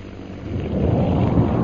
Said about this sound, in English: That explosion we just heard was Holbrook's second bomb.